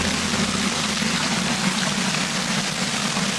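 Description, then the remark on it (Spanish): Hail falling in the afternoon in Castellfort, in the northern interior of Castellón, amid wind gusts of up to 68 km/h, in a dense, unbroken rush, countless tiny impacts merging into a steady, loud hissing clatter that holds even for the whole stretch, with no voices. “Es el sonido del granizo caído ayer por la tarde en Castellfort, en el interior norte de Castellón.”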